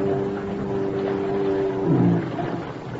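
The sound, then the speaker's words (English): A boat engine drones steadily in thick fog, a low continuous hum with a slight rise in intensity near the end, carried along by faint wind noise and no voices. “He knows just about when my boat'll be coming along.”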